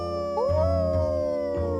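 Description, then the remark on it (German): Long, sustained howls from a pack of at least two wolves, their pitches gliding upward and overlapping, carried over a low rumbling background. “Es waren mindestens zwei. Ja, aber ein Rudel hatten wir hier noch nie.”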